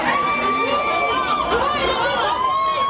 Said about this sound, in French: Un mouvement de foule a eu lieu hier pour l'inauguration d'une enseigne très connue dans le quartier de la Défense à Paris. Des centaines de personnes présentes pour acheter des climatiseurs, des ventilateurs.